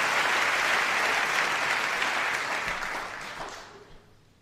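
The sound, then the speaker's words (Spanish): An audience applauds the poets at a tango performance, a dense, steady wash of many hands clapping that holds strong for several seconds, then thins and fades out toward the end. “Sí, por favor, aplaudan a todos los poetas, hay que aplaudirlos ahora.”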